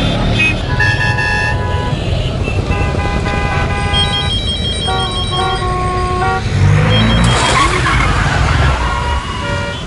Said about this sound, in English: Thank God that accident was not serious.